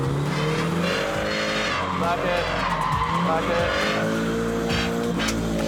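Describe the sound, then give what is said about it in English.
A drifting car's engine roars continuously at high revs while its tires squeal and skid through a drift, loud, with the engine pitch rising and falling as the throttle is worked and the driver clutch-kicks back onto the power. The car has no front bumper. “And clutch hammer it now.”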